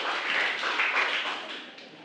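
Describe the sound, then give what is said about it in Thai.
A school class applauds student group 3 after its presentation, a dense wash of many overlapping hand claps at moderate loudness that fades somewhat toward the end, with no voices. “ขอเสียงปรบมือให้กับกลุ่มที่3นะครับ”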